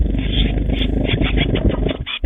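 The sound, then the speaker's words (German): Young tits in the WDR 4 Meisencamp nest box flutter their newly discovered wings to try them out, a dense, continuous whirring rumble with rapid soft beats and muffled scrabbling, fairly loud and without any voices. “Die kleinen Meisen haben nämlich ganz frisch entdeckt, huch, ich habe ja Flügel. Und die wollen sie unbedingt jetzt auch ausprobieren und so hört sich das an.”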